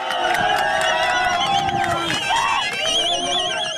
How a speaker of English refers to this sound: This video footage shows residents of Adigrat cheering as Ethiopian forces patrol the streets.